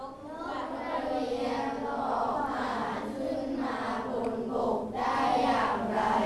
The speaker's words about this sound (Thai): ปรบมือให้ตนเองแสดงว่าเข้าใจแสดงว่าเข้าใจ